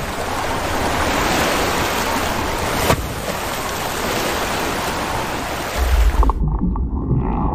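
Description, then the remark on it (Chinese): A male humpback whale flaps its pectoral fins and splashes the water: loud, continuous rush of ocean waves and churning water, broken by one sharp splash; near the end the bright hiss drops away, leaving a deeper, muffled sloshing. “雄性座头鲸会不断用歌声吸引配偶，拍动着前鳍，激荡水花，引吭高歌。”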